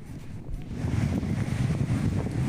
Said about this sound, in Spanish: Realmente sorprendente ese video que estamos mostrando. Mucha agua en el Badén de la Laguna Verde.